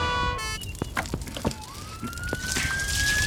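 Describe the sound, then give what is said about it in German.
A fire engine passing by sounds a brief horn blast, then its siren wails and rises steadily over rumbling, clattering vehicle noise, loud. “Die Feuerwehrleute kommen an James und Sarah vorbei, die immer noch auf Dustys Fersen sind.”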